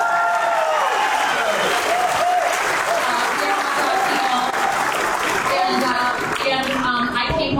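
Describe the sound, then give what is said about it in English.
A crowd bursts into loud, sustained applause for the hot dog, dense clapping for several seconds, with cheers and voices rising through it near the end. “And if you are good Midwesterners, please freaking clap for the hot dog.”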